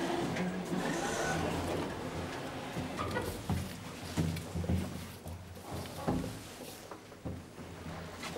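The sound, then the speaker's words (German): A steady mechanical hum and low rumble of a modern glass elevator cabin in a glass shaft, built and serviced by the firm Lutz, riding up, with occasional soft clunks and rattles along the way, and no talking. “Hier ist einer der schönsten Aufzüge, die Lutz gebaut und betreut.”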